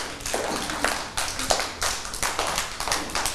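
A group of children clap together in a burst of quick, uneven applause, with the sharp claps overlapping into a steady patter for a few seconds and no talking.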